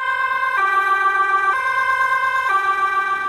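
emergency vehicle sirens

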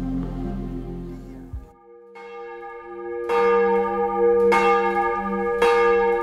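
cathedral church bells ringing

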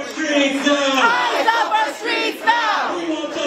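protest crowd shouting

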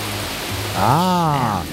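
rain falling

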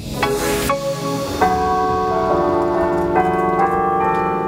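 church carillon bells ringing

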